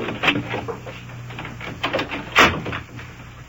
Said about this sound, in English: Shut the door there. Come on.